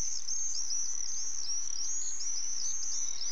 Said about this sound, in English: I was very fascinated with common swifts. They're really the sound of the summer, and you hear them screeching over your house, even if you live in a city like I did. But the cool thing about these birds is they're really ultimate flyers.